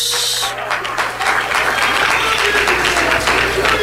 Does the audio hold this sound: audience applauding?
yes